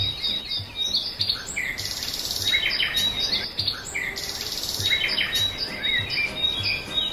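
A dense chorus of many birds singing at once, overlapping chirps, trills and whistles filling the air continuously, with a soft low rumble underneath and no voices.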